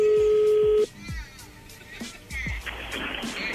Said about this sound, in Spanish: Sí, ya colgó. Ahí se está marcando de nuevo.